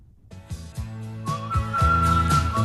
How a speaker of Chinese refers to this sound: 而我们听到的这段口哨呢，更是成为了众多怀旧小青年怀念过去的一种方式。